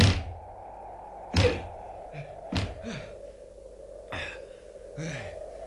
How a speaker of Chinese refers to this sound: 拍咗咁耐门，拍到我手都痛晒添。 开门啊